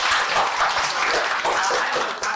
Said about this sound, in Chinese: 那好，掌声送给他们。